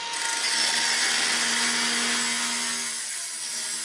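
A steady, grinding rasp of a tool cutting or sawing through material, loud and close, running continuously for a few seconds with no voices.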